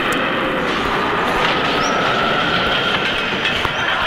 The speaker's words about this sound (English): I hooked up a 727 jet engine block up to the back of our leaf blower. We could strip the paint off the house with this baby.